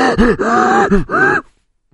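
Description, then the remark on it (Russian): Loud strained breathing of a racing driver under heavy lateral g-forces in long high-speed corners: three voiced, effortful grunting breaths in quick succession, rising and falling in pitch, then silence. “То есть ровно то же самое, что вы слышите, когда, например, ну, слышно, как дышит летчик в момент тяжелейших перегрузок в воздухе.”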